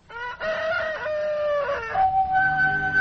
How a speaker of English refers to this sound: Still, whatever doubts and fears he may have taken to bed with him, they are all dispelled by a glorious sunrise that wakes him up with cock crow.